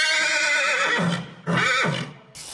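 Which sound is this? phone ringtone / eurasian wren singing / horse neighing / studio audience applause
horse neighing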